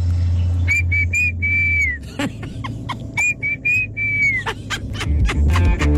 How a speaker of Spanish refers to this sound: Este es el silbido con el que les llamamos a nuestras niñas.